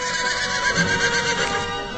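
A horse neighs loudly, a long, shrill whinny with a quivering, wavering pitch that fills the whole two seconds with no talking.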